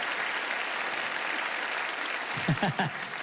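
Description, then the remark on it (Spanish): Steady audience applause fills the whole stretch, a dense, even clatter of many hands clapping, with a voice briefly rising over it near the end. “Alguien tiene que aplaudir más que eso si lo crees de verdad, ¿cielo?”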